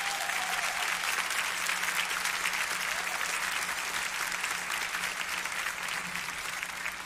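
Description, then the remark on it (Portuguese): An audience applauds their maestro steadily for about seven seconds, a dense, even wash of many hands clapping at constant loudness, with a faint low hum underneath and no voices. “Eu queria que os irmãos dessem uma salva de palmas para ele.”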